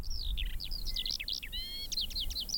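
A Eurasian skylark sings a rapid, unbroken stream of high chirps, trills and whistles over semi-dry grassland, above a low steady rumble of wind or outdoor background noise.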